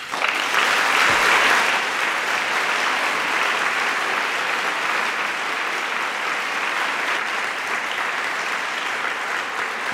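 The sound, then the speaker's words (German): Sustained audience applause for Jürgen Boos, a dense, steady wash of clapping that stays loud and even for the full ten seconds, with no voices standing out. “Ich muss jetzt aber noch, ich freue mich wirklich sehr über Ihren Applaus für Jürgen Boos,”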